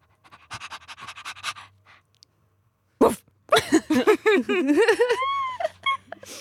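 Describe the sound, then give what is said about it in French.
A person imitates a female dog with quick, rhythmic breathy panting, then after a short pause breaks into a string of voiced whimpers and whines, fairly loud. “Après la vouivre, la chienne...”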